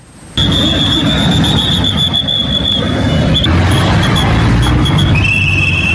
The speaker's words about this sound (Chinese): 上午9:18，随着防空警报准时响起，久久回荡在城市街巷，瞬间市区主次干道车流缓缓停下，行驶中的机动车原地停驶，一声声汽车鸣笛与防空警报交织共鸣